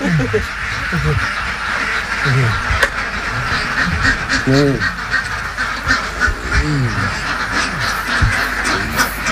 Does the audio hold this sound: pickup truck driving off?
no